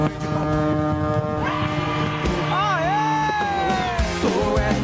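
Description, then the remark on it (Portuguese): Loud truck air horns blare continuously and overlap in a honking protest across Brazil, several sustained tones layered together with pitch bends, a dense honking chorus filling the whole stretch, with some voices underneath. “Buzinaço em todo o Brasil, os caminhoneiradas só buzinando aí, ó.”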